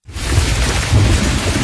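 A loud thunderstorm with steady heavy rain hissing across the full range and deep rumbling thunder rolling underneath, continuous throughout with no voices.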